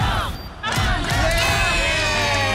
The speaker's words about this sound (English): They get to experience the roar of a crowd. Marvel Stadium, the Bulldogs taking on North Melbourne.